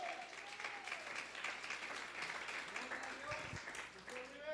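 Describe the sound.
Sustained applause from a crowd in praise of the Lord fills the whole stretch, a dense steady wash of many hands clapping, with a few faint voices and brief low thumps underneath.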